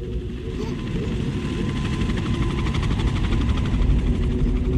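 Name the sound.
helicopter flying overhead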